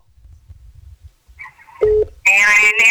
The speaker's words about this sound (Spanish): Adelante, vamos con llamadas, vamos con ganadores, porque el teléfono no deja de sonar.